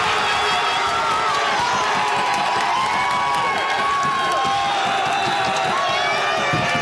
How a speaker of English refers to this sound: A lot of people were screaming when that late game goal came as Canada scored against South Africa. A big win for Canada's men, who now advance to the round of 16.